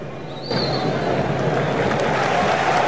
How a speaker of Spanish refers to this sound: Seguido por los aplausos de todo el público, de los propios jugadores y de cada uno de los representantes de estas selecciones.